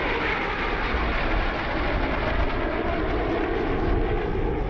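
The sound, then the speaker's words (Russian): A steady, continuous engine drone of an airplane flying over a huge body of water, a broad roaring hum with deep rumble that holds an even loudness throughout, with no voices. “Самолет летит над огромным водоемом”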